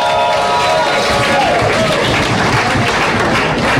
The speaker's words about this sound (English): Because if you do believe in what I'm saying, you'll be hopping and jumping and clapping and shouting.